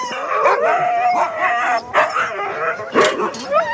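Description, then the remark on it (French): A chorus of excited sled dogs barking, yipping and howling continuously, several animals overlapping with sharp bursts rising above a steady din, the dogs jumping for joy and eager to go running. “Bon, bah, vous avez fait des jaloux parce qu'on a choisi que deux chiens.”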